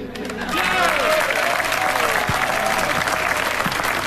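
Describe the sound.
Loud, dense audience applause rises quickly after a brief quiet start and holds steady, a continuous wash of clapping with faint voices and cheers mixed in.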